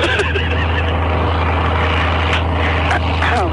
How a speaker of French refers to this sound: Regardez, l'avion prend son élan, maintenant.